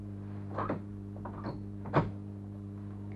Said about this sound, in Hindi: ये क्या, दरवाजा बंद करके क्यों जा रहे हो